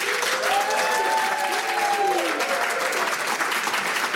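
Steady applause from a studio audience fills the whole clip, dense and close, with a few cheers and whoops rising over the clapping.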